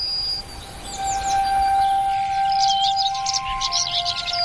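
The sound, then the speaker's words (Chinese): A dawn chorus of many birds singing at once: overlapping chirps, trills and whistled notes, some bright, others softer, layered over a steady hum of background sound. “全世界的鸟都全心投入的歌唱，这是黎明的合唱。”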